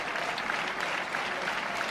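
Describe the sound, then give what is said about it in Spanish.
A bullring crowd gives a sustained ovation as the bullfighter goes to the centre of the ring to collect it, with dense, continuous applause at a steady, fairly loud level throughout and no voices standing out. “Se va a los medios a recoger la ovación del público, en todos los medios.”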